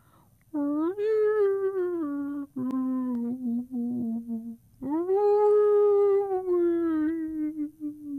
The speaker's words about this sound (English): Cradled in the crook of her tail, he listened to the soothing rhythms of her whale song.